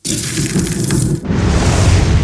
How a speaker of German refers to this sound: Es ist das Brutzeln von Fleisch auf dem Holzkohlegrill oder Würstel, weil im Sommer finden immer so viele Grillfeste, also ist das Brutzeln vom Grill, auf, wenn man Fleisch auftut.